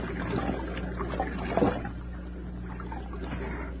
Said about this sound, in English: We ain't even out of sight of the wreck, and we found water already. There it is, Nails. It's a stream, all right.